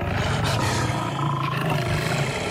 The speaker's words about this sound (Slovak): Kráľovná sa obzrela za revom a na vršku zbadala levy, ako bežia rovno k nej. Mali 2 hlavy, 8 nôh a cerili na ňu obrovské zubiska.